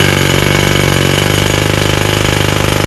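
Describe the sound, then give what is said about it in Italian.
A jackhammer pounds steadily at a rapid, even rhythm during the renovation of the Bergamini Arredamenti store in San Donato Piave, loud and harsh with a broad rattling buzz, continuing unbroken for about three seconds before cutting off abruptly. “Bergamini Arredamenti ristruttura completamente il punto vendita”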